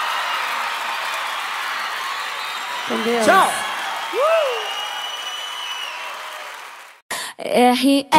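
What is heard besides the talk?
audience applause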